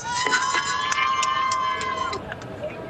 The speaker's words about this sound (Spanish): Ahí se escuchan los gritos de los marplatenses que están, pero como locos.